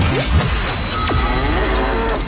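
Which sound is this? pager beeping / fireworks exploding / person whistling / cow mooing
cow mooing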